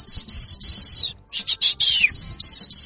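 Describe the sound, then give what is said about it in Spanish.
A shrill, loud human whistle call, a father's signal whistle calling his children to come: a long high note, a brief break, then several shorter bursts and a downward-sliding note before a final sustained tone. No one speaks. “Ya sabíamos que si escuchábamos ese chiflido, entonces ya teníamos que ir porque mi papá nos necesitaba para algo.”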